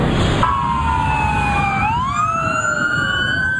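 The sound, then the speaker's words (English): Emergency vehicle sirens in Southern California, as law enforcement officers descend on Skid Row, wail loudly and continuously, their tones gliding down and then sweeping back up, layered over a steady rumble of traffic with no one speaking. “It's the soundtrack to Southern California. Nothing but sirens all the time.”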